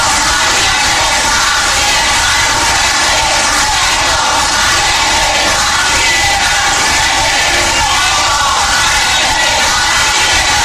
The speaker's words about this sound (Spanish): Gritan desde las tribunas, desde los diferentes pisos, y vamos a escuchar lo que indican, entre ellos Keiko presidenta y sí se pudo.